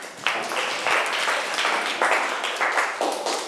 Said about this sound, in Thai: เก่งมากเอาปรบมือให้เพื่อนค่ะ